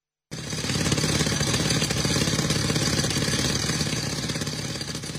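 A concrete drill pounds away nonstop, loud, breaking large rocks in the mountain forest at the former Vị Xuyên battlefield as a Tuyên Quang provincial military team searches for fallen soldiers' remains; its rapid rattling hammer blows start abruptly and hold steady over a droning engine hum. No one speaks.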